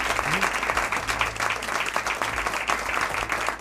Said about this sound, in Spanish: Quería dar las gracias, como digo, a todos los amigos de Ser Historia que se han reunido aquí en este Scriptorium, a quien les pido un aplauso para saludar.